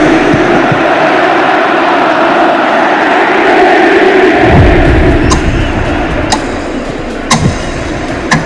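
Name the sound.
stadium crowd ovation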